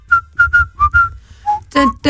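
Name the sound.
whistling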